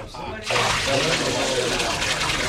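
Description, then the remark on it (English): After a brief quieter moment, a heavy rush of water suddenly starts pouring out and keeps gushing loudly and steadily, as four barrels of water are poured over a bullock, pieces of wood and an altar. “Pour 4 more barrels of water over the bullock, the wood, and the altar.”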